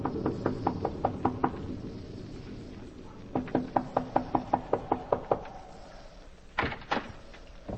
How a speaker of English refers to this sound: It is early in the evening, but the sky over Westchester County is dark and signals the approach of a storm as a solitary traveler makes his way to the Wharton farmhouse, a lonely cottage overlooking the valley. He knocks at the door.